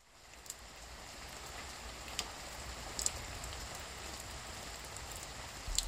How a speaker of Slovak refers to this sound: Prší, prší. Prší, prší jednotvárne.